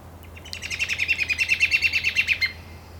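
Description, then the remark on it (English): A red-winged blackbird's alarm whistle sounds as a quick run of about fifteen sharp, evenly spaced high notes lasting two seconds, clear over a faint low hum, in the afternoon. “We can hear the sporadic alarm whistle of the red-winged blackbird as it pierces the sleepy afternoon air”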